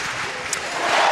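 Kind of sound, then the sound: crowd, stadium crowd cheering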